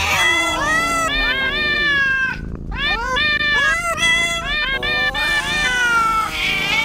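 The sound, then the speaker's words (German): Cat meows strung together into a song melody: a steady run of pitched, sliding mews rising and falling like a tune, loud, with one brief gap partway through. “Cat's Eye, miauen, versteht ihr?”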